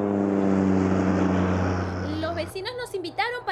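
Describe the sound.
Steady, loud droning hum of a small rented propeller airplane engine in flight at night, flying home from western Pennsylvania, which softens after a couple of seconds as people begin talking over the lingering engine noise.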